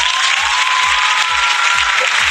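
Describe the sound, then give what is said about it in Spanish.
Loud, steady applause from a crowd fills the whole moment, with a faint rhythmic low thumping underneath, like a beat or stomping, and no one speaking. “Ojo, un aplauso por eso.”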